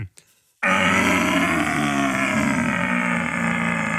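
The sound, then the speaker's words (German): A deep, drawn-out stag roar blown through a wooden deer call, a loud, rough, resonant bellow that starts abruptly after a brief quiet moment and holds steady for several seconds. “Und wenn ich das an meinen Mund setze und den Hirsch und euch den Hirsch mache, dann würdet ihr denken, boah, ich glaube, ich stehe im Wald.”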